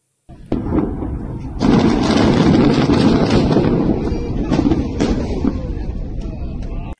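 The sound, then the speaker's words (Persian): A huge Israeli army demolition blast on the Ali al-Taher ridge in southern Lebanon, destroying a Hezbollah underground network, booms out, a sharp crack followed by a massive roaring surge of rumbling, debris-like noise that sustains loudly for several seconds before slowly easing off, with no voices. “این انفجار عظیم پایان عملیاتی چند ماهه در یکی از مهمترین ارتفاعات جنوب لبنان بود.”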